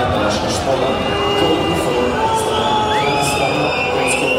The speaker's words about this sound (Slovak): Domáci priaznivci vytvorili na 12-tisícovom štadióne z Dežele pekelnú atmosféru, ale už v 18. minúte pískali na svojho krajana Andraža Šporara.